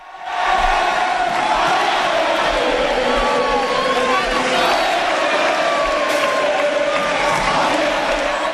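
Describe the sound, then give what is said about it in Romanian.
A large crowd of FC Barcelona fans cheers and shouts without pause along the team's victory parade route in Barcelona, celebrating the Spanish league title and Super Cup, a loud, dense roar of many voices, with occasional higher calls and whistle-like tones rising above it. “Aceștia i-au ovaționat pe fotbaliștii care le-au produs atâtea bucurii în actualul sezon.”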